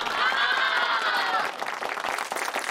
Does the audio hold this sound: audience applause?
yes